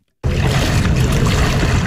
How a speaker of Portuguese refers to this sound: E depois ela mostra o vídeo. Isto é ela a desfilar na água.